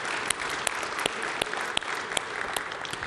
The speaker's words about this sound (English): Yes, let's give her a nice round of applause.